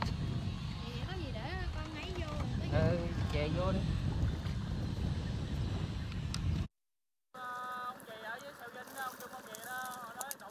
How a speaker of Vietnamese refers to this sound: Mỗi lần ghe cập bến là cả xóm biển rộn ràng hẳn lên. Bến cá nhỏ bỗng vang lên tiếng ghe máy, tiếng người mua bán và cả tiếng cười nói rộn rã của xóm biển.